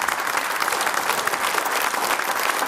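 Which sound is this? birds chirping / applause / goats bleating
applause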